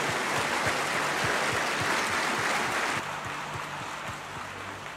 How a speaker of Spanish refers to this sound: Vamos, aplausos al Rey. Amén.